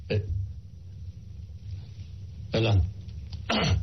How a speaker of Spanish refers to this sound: No, pues un estornudo, aquí tengo mi Kleenex.